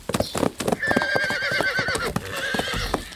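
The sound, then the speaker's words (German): Two horses gallop up to a castle gate with a brisk clip-clop of hooves, and one lets out a long, wavering neigh over the steady hoofbeats, fairly loud. “Trotzdem, ich würde sagen, ein Zielband am Schlosstor hätten beide Pferde zur gleichen Zeit zerrissen.”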